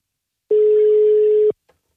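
A single loud, steady telephone ringing tone of a Radio Nord call to a competition winner in Skørping sounds for about a second, a flat mid-pitched beep heard alone, followed by a faint click.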